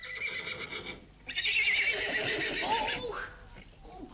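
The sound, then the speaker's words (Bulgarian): A horse gives one loud, drawn-out whinny that rises and quivers for about two seconds before trailing off, with a little faint background noise around it. “Почакайте сега да принеса коня от терасата долу и тръгваме.”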